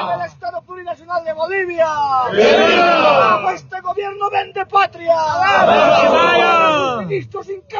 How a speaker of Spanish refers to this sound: Vamos a escuchar palabras enseguida de estos hermanos de Sikasika, que están en este sector de la provincia Aroma, el grito revolucionario que se escucha en esta jornada.